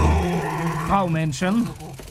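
A dog named Norbert growls low, then breaks into a few rising and falling whiny yelps before going quiet, about two seconds in all.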